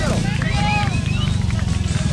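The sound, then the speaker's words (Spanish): A Suzuki Viva 150 FI ABS motorcycle engine revs and shifts gears as it pulls away, its low, throbbing rumble pulsing steadily and loudly throughout, with faint higher whines and what may be voices above it. “Nos mandó el sonido exacto de la moto que usted se va a ganar.”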